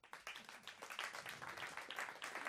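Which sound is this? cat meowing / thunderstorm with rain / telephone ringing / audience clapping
audience clapping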